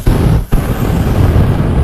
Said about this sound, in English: Sometimes you need a flamethrower.